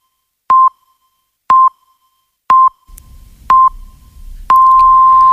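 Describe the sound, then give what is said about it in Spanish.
Five short, evenly spaced electronic pips one second apart, followed by a longer sustained tone of the same pitch, the classic hourly radio time signal marking 8 a.m. (7 a.m. in the Canary Islands), clear and prominent with a faint low rumble beneath the later beeps. “Son las 8 de la mañana, las 7 en Canarias.”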